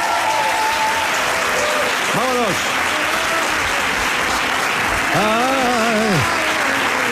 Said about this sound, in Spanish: Pero se han aplaudido ahora, ¿qué quieres tú también? Poco me ha parecido.